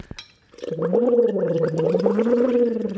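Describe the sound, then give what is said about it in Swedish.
After a brief click, steady bubbling starts as air is blown through a glass tube into water from a thermos, a continuous warbling gurgle with a low buzzing tone that lasts to the end. “Och sen så blåser man i det och då blir det liksom som att det vibrerar ner i halsen”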